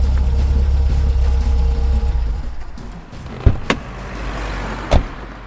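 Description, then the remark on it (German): A car's low engine rumble rolls along, then dies away as the vehicle comes to a halt, followed by a few sharp mechanical clicks and a thump. “Halten Sie an! Sofort!”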